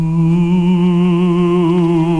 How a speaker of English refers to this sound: This is our ghost sound effect, okay, for the show.